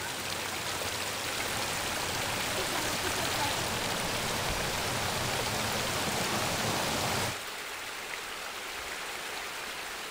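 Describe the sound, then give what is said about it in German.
A stream burbles and rushes over river stones in a steady wash of water that suddenly drops to a softer flow near the end. It flows around a small island in a landscaped mountain park before joining the Fulda river. No voices are heard. “Das Inselchen im Bach ist ein stiller Höhepunkt der Gartenkunst.”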